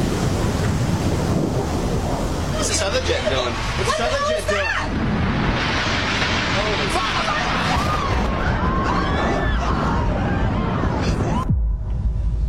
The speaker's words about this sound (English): Looks like 6-7 floors were taken out. And there's more explosions right now. Hold on, people are running. Hold on just a moment. We've got an explosion inside. The building's exploding right now. You got people running up the street.